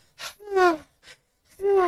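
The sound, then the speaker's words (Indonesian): Deep breaths drawn in through the mouth, fairly loud, each with a voiced, gasping edge, coming in a few bursts separated by short pauses. “Kalau Kak Erlan bilang angin, tarik nafas.”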